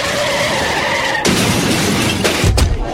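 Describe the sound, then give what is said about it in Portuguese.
Tires screech in a sustained squeal, then a loud crash as one car hits another, followed by further impacts and glass shattering, forceful, with no voices. “Só o que você fez no meu carro!”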